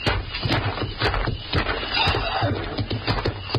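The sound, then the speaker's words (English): Muffled hoofbeats of horses moving at a steady walk outside, thudding in a loose rhythm over a constant rushing background noise, with no talking. Somebody is out there with the horses. “Listen. The horses, there's somebody out there.”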